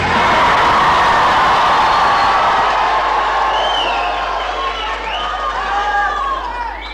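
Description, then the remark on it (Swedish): A loud crowd of young voices from a choir at Folkets Park in Jönköping, Sweden, cheers and shouts happily in a steady roar, with high whoops and gliding shrieks rising above it toward the end. “De spontana glada röster vi hörde här alldeles nyss, de kom från en kör”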